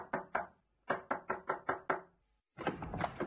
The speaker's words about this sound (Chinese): 在夏天的一个晚上，这八岁的汤姆是独自一人坐在屋里，突然传来了一声敲门声。